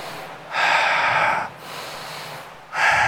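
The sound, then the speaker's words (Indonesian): Forceful, deliberate breaths in a steady exercise pattern: two long, loud rushing breaths separated by a quieter pause, then a third beginning at the end, with no talking. “Orang latihan, orang-orang apa namanya yang ahli olahraga itu latihan seperti itu untuk ngatur napas.”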